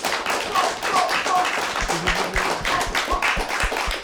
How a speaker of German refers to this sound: Also herzlich willkommen und einmal einen großen Applaus.